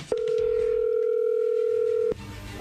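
A phone line rings on an outgoing prank call made as a fake chocolate company promotion: one steady, mid-pitched electronic ringback tone holds for about two seconds, then cuts off abruptly, leaving faint background noise.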